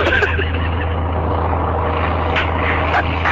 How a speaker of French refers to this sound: L'avion prend son élan, maintenant.